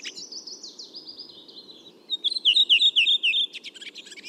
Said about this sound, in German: Bei der Rotdrossel ist es so, die haben so 4-5 Elemente, so 4-5-5 Elemente am Anfang so. Und dann kommt genau dieses schöne Schwatzen.